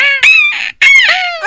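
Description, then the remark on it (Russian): A voice lets out two loud, shrill, strained cries in quick succession, shouting the vowel "e" with tightly compressed vocal cords to imitate a seagull's squawk, with no talking around them. “И выкрикиваем это букву «э». О, как будто это чайка умеет.”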